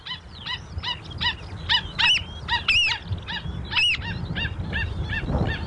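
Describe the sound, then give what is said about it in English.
A flock of South Island pied oystercatchers (torea) calling in rapid, overlapping piping notes, shrill and repetitive, with a steady low rumble of wind or surf underneath, broadcast on RNZ National. “The South Island Pied Oyster Catcher, Thoria, RNZ National.”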